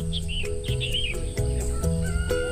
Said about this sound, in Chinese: 离开喧嚣的城市，来到一个被鸟叫醒的地方，享受着鸟语花香，是一件非常惬意的事情。